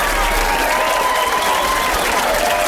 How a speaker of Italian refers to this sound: Il vento di questo capolavoro che, devo dire, merita grandissimi applausi, eh. Grandissimi applausi. Sì, ma che scusate, che applausi sono questi? Vogliamo qualcosa di un po' più spinto, amici?